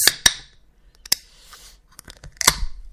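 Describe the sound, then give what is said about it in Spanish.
A beer bottle being opened: a few sharp metallic clicks and snaps, then a brief hiss and a final crisp pop with fizzing as foam comes out, with no voices. “¿Qué pasa cuando destapas una cerveza y le sale espuma?”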